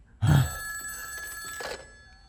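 telephone ringing

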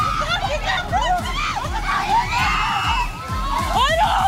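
children screaming in fear

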